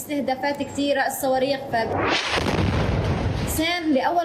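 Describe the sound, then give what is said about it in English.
A single loud explosion from a missile attack in Gaza erupts in a broad, rumbling roar lasting over a second, with a voice talking just before and resuming right after. “Her life became sleeping and waking up to the sound of explosions, to the sound of the numerous attacks and missiles.”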